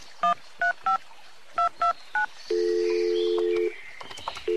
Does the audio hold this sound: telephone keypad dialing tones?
yes